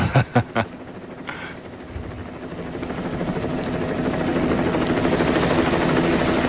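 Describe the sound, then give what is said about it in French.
A helicopter's steady rotor and engine drone fills the scene, growing gradually louder after a few brief knocks at the very start. “Vu d'hélico, c'est beau.”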